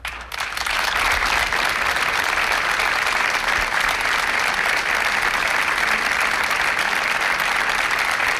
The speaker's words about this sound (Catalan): Són els aplaudiments que han trencat el minut de silenci que Roda de Barà, el tarragonès, ha dedicat aquest vespre a les dues dones que han mort a causa dels aiguats de dissabte.